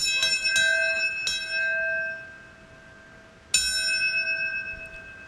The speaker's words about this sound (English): yesterday in New York City, a ceremony took place at the 9/11 Memorial and Museum to remember the devastating attacks. Seven bells rang out in order to honor those who passed away from health complications due to the related attacks.